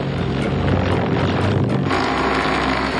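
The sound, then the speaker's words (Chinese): A steady, loud propeller drone fills the whole clip, a dense buzzing whine with a slight wavering pulse, from several multirotor drones used to transport soil for the North and South Mountains greening project in Qushui County. No one speaks. “但是我们现在正在克服困难，整个运输那块刻土那块也是采用了多架无人机。”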